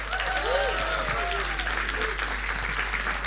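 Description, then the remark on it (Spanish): Steady applause from a crowd for Rodrigo Muñoz's bass solo, a dense continuous patter of clapping at even loudness for a few seconds, with faint cheering or calls rising briefly above it. “Y un aplauso para el gran Rodrigo Muñoz en el solo de bajo.”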